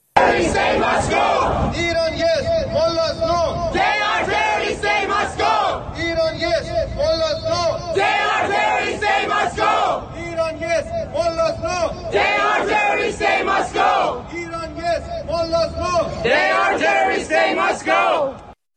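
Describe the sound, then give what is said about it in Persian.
A large protest crowd chants in unison, loud and steady, with many raised voices repeating a slogan in rhythmic phrases separated by brief pauses, cheers and shouts mixed in. Iranians living in Italy are rallying in front of the US embassy in Rome, demanding the IRGC be listed as a terrorist organization and an end to all ties with Iran's government. “ایرانیان ساکن ایتالیا هم مقابل سفارت آمریکا در روم تجمع کرده و خواستار قرار دادن سپاه در فهرست تروریستی و پایان هر شکل از ارتباط با حکومت ایران شدند.”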